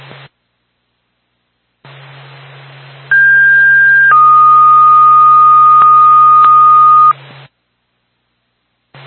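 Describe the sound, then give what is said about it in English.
Dispatch paging tones for the Sugar Hill Fire Department over a hissy radio channel, calling out to a fire alarm activation: a short steady high tone, then a longer, slightly lower tone held for about three seconds, loud and clear, with static before and after. “Smith State, Sugar Hill Fire Department, stand by for tone.”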